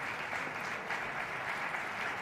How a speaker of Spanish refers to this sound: oímos aplausos, pero no vemos salir a Javier Perianes.